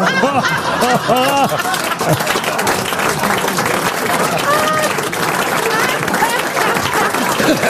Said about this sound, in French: N'applaudissez pas! Je rappelle que c'est une maladie!